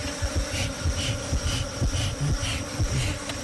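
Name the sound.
bees buzzing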